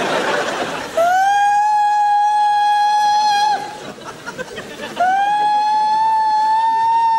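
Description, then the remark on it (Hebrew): A loud, steady siren wail sounds in two long blasts, each sliding up briefly before holding a single high tone, with a short gap of murmuring voices between them. “צפירה, צפירה.”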